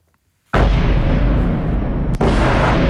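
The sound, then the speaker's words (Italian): Heavy bombardment booms from Russian missiles and drones striking Kyiv at night erupt after a brief silence, merging into a loud, continuous low rumbling roar with only one short dip before it resumes. No voices are heard. “I boati tambureggianti nella notte di Kiev, insistenti come la volontà della Russia di piegare la resistenza ucraina, con gli sciami di missili, droni che si avventano sulle città”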